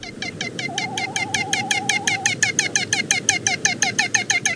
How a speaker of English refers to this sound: We've got the song of this storied seabird today, which it uses almost exclusively for mating, thanks to the Makaule Library at the Cornell Lab of Ornithology.